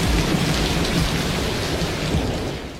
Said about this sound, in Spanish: Hoy llueve.